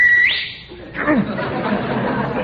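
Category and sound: human body sound, person whistling loudly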